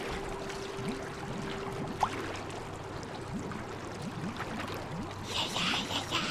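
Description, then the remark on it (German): Icy water pours and gurgles steadily in through a leak in a boat, with a low hum underneath and a brief sharp knock near the start; the rushing grows brighter and splashier toward the end. “Aber eisiges Wasser umspülte bereits seine Knöchel.”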